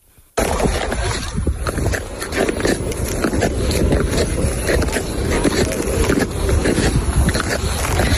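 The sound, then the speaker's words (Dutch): Clap skates on natural ice: a continuous scraping, hissing glide with repeated rhythmic clacks and knocks, fairly loud and dense, starting abruptly after a brief quiet moment. “Ja, dit is natuurijs, denk natuurijs?”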